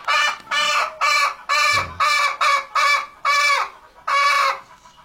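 Birds cluck loudly, a quick string of about nine harsh, evenly spaced clucks with short gaps between them, and no voices.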